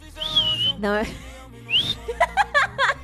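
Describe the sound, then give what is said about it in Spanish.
A weak, wavering attempt at whistling: two short, thin whistle tones that slide upward and fade, broken up by breathy sounds and a burst of choppy laughter. “Mira, ahorita que mencionamos microbusero, yo no puedo silbar. No puedo silbar.”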